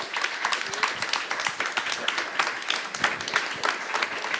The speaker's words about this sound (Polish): Muzozoik, zespół wybuchowy, jak się okazuje. Brawa dla nich.